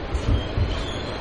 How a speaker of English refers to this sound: The New York City subway. It transports 5.38 million people per day.